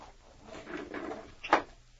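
A cupboard door being opened to get drinking glasses: a soft rubbing shuffle followed by one sharp wooden clack, fairly quiet overall, with no one speaking.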